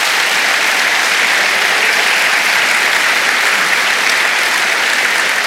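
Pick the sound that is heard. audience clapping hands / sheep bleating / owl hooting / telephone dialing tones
audience clapping hands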